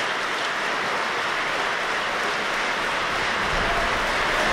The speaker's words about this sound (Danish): Og nu kan vi altså høre ind fra salen, hvordan de modtager en særdeles velfortjent applaus for den her hele aftens forestilling.